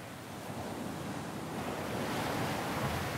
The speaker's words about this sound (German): Der Wind weht an diesem Teil der lettischen Ostsee oft heftig. Und so kann der Frühsommer hier noch ganz schön frisch sein.